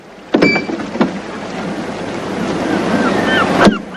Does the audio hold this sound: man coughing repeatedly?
no